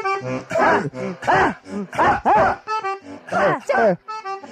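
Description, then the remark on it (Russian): Human voices imitate German shepherd dogs barking, a loud series of about eight rhythmic, pitched yelping bursts with short gaps between them. “Ну, песня, она на всех языках исполняется, на всех инструментах, и посвящена именно собакам, именно немецким овчаркам.”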